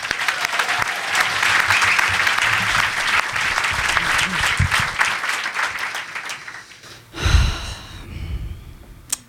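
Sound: audience applause and cheering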